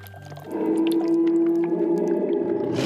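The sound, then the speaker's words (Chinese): A tiger gives a long, loud, sustained moaning call that holds a steady pitch for over two seconds, rising in suddenly after a quieter start with no one speaking. “听，我们的同类。”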